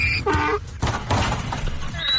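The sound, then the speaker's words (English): A donkey basketball game in a basketball gym: a short, harmonic donkey-like call rises over noisy crowd shouting and cheering as a donkey dunks on somebody, followed by a dull thump and continued rowdy voices in the stands. “Well, we actually have sounds of a donkey dunking on somebody.”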